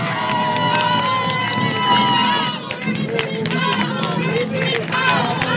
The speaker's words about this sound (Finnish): Tosi paljon paikan päällä. Me saatiin hienot aplodit. Voisiko saada uudet, kun nyt ollaan radiolähetyksessä?